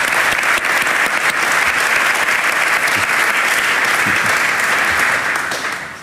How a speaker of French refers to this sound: Voilà, deux joueurs de l'équipe. On peut les applaudir.